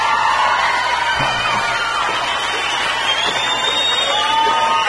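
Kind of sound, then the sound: crowd, crowd cheering and shouting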